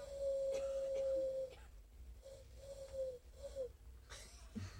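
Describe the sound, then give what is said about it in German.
A voice imitates a hoarse little eagle-owl: one long, steady hoot followed by several shorter breathy, wheezy hoots in an uneven rhythm, fairly loud. “Heiserner Uhu. Ein kleiner Uhu.”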